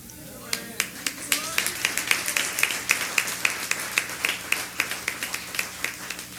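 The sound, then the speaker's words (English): An audience claps in a steady, fairly quick rhythm, sharp bright slaps repeating several times a second at moderate loudness, with faint voices murmuring underneath. “You clapping, but our destination is greatness.”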